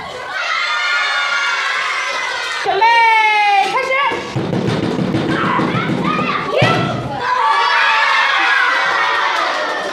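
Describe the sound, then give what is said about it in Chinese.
A teacher knocks on a blackboard as a drumbeat, dull thudding knocks in a rough rhythm, while children at a school break play a flower-passing game, shouting and cheering excitedly throughout. “老师敲着黑板当鼓点，随着咚咚声响，孩子们的视线就紧随着那只花，你传我接。”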